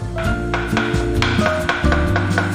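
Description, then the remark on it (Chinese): A knife back pounds pork tenderloin and chicken breast into a paste for clarifying broth, in a steady run of dull, thudding blows, about six or seven strikes, each with a short bright clack, over a continuous low hum with no talking. “刀背将肉敲打成蓉，不能太碎，也不能切断肉里的筋膜组织。”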